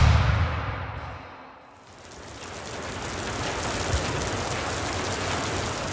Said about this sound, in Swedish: Regnet vräker ner från den mörka himlen.